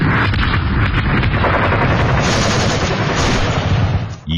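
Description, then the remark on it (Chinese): Continuous gunfire crackles with rapid bursts and scattered shots, layered over deep rumbling artillery booms, loud and dense throughout like a sustained battle, with no voices. The fighting is along the shrinking border of the Central Soviet Area in China in summer 1933, as the Nationalist army begins its fifth encirclement campaign. “1933年夏，沿着中央苏区越来越缩小的边界，枪炮声再次隆隆作响，国民党军对中央苏区的第五次围剿开始了。”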